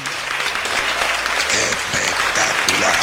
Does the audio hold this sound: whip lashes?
no